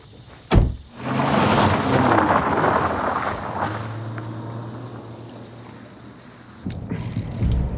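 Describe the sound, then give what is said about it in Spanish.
An old Crown Victoria police cruiser drives along with a steady engine rumble and broad road noise after a sharp thud near the start, and a brief rattle toward the end, with no voices. “¿Así que a ti te mandan a patrullar en un viejo Crown Vic mientras ellos conducen Chargers?”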